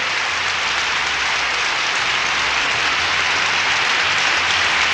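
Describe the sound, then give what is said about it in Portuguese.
Sustained applause from a crowd on the Canta Brasil show for a birthday, a dense, steady wash of clapping that stays loud and even for the whole stretch, with no voices standing out. “E ele vai ouvir as palmas.”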